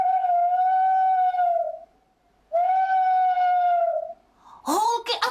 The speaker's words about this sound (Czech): Pozor, 3, 2, 1, sova! No paráda, zase jste to uhádli.